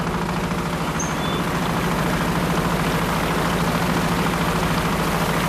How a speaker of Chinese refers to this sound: 伴随着渔船此起彼伏的马达声，他们竞相收获着大自然的馈赠。